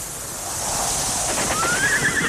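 Open grassland ambience with a steady airy wash of wind, then a horse neighs once toward the end, its whinny rising high over the background.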